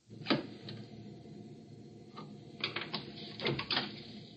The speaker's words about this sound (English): He marks the spot for the cut. You'll hear him dropping the pencil.